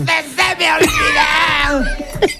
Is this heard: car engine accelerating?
no